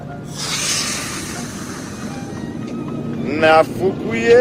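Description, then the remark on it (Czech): A steady rush of hissing air fills a balloon, then near the end come short, squeaky rubbery whines. “Nafukovací balónky! Nafukovací balónky! Kupte si, vážení, kupte si! Pohleďte, jak se to nafukuje!”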